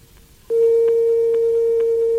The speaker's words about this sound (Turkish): Biraz bekleyin efendim. Çalıyor. Eğer evdeyse...